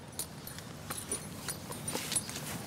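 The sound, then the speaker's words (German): Horse hooves clip-clop in a loose, uneven rhythm, a handful of soft knocking steps over a faint outdoor background, with no voices. The horses are at a horse farm, where they carry tourists to the beach, pulling carts or ridden. “Mit Wagen oder zu Pferd werden die Touristen hier zum Strand gebracht.”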